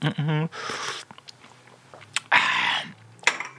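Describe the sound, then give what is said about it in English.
A short vocal sound, then two loud, airy slurps of tea drawn from a cup, separated by a quiet pause with faint clinks. “Pick up your cup, have a quick slurp.”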